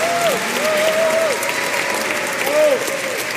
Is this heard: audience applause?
yes